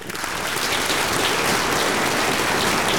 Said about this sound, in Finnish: Tämä on hyvä vastaus, kai mä annan sulle aplodit.